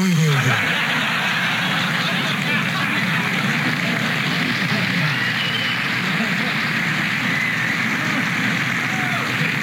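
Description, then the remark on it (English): A car engine turns over on a cold morning. After a short downward whine it settles into a loud, rough, continuous roar that holds steady, alone, for the full length. “The only problem is, on cold mornings, when you start the car, the engine goes...”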